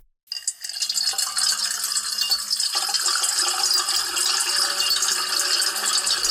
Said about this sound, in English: And now a little ASMR, water being poured into a metal bowl. Soothing. So it will probably be seven times as soothing if we layer seven tracks of water being poured into a metal bowl.